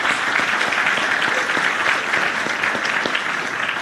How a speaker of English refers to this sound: I have asked for a couple of applauses, but I do once again want to recognize our newly elected commissioners. Thank you for stepping forward to serve our community and for your commitment to Shelby County. Please give them another round of applause.